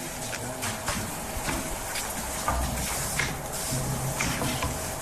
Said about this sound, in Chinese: 制茶师在使用炒锅进行杀青